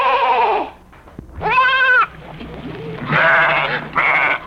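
A goat bleats four times in a row, each call a loud, wavering, nasal cry with a shaky vibrato, separated by short pauses and with no talking.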